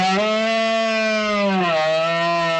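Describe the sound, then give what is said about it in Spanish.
A rutting deer during the September berrea among oak woods and ravines of the Sierra de Albarracín, Aragón, Spain, lets out one long, loud bellow, rich and droning, holding steady before its pitch sags and recovers near the end, with no other sounds around it. “Cuando septiembre asoma y el aire se vuelve más fresco, los bosques de la sierra despiertan con un sonido salvaje y milenario, el de los bramidos de los ciervos en celo que anuncian la berrea entre robledales y barrancos.”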